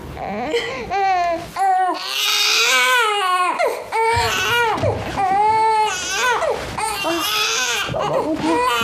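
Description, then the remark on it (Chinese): A baby cries loudly and continuously, with wailing, rising-and-falling sobs and brief breaths between bursts, with no other sounds competing. “宝宝不哭，你看看，咋了？啊？哦，不哭，娘在呢，爷在呢，你别哭了啊！”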